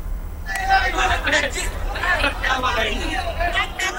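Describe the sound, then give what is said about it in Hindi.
A dense crowd of devotees at Hanumangarhi temple on Bada Mangal, the fifth Tuesday of the Jyeshtha month, fills the air with continuous overlapping chatter, a steady loud hubbub of many voices with no single speaker standing out. “ऐसे में हनुमानगढ़ी में भक्तों की एक अच्छी खासी भीड़ पहुंची हुई है।”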